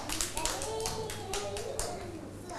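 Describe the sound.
A group of children clapping their hands in quick, scattered bursts, fairly close and steady throughout, with faint voices murmuring underneath.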